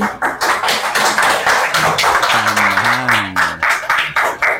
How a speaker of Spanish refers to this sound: Los que estén a favor, sírvanse levantar la mano. Los que estén en contra, y aplauden, miren.